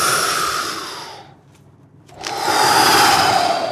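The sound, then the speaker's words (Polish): A loud, rushing breath of air and water bursts through a rock crevice connected to the sea by channels as waves strike, recorded about 4-5 metres above the water surface; it fades to near silence for a moment, then surges back in a strong hissing roar, like the sea exhaling. “Nagrałem to i to jest naprawdę brzmi, jakby oddychało morze.”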